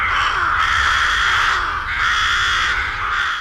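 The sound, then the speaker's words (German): A loud, dense chorus of rooks cawing together in the Vorstadt of Solothurn, Switzerland, many harsh overlapping calls forming a continuous clamour with no pauses and no voices. “Genau, Saatkrähen.”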